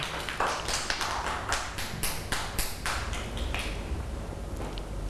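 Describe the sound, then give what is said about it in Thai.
A small group of children claps for a classmate at their teacher's request, a quick, uneven burst of hand claps that carries on for about three seconds and then trails off into quiet room noise. “เก่งมากค่ะเด็กๆปรบมือให้”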